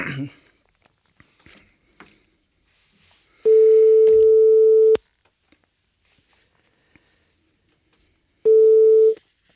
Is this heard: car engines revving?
no